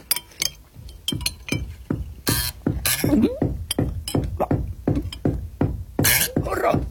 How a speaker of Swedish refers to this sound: Vad var det? Ja, vad var det? Det lät som att det var någon som knackade. Vem kan det vara?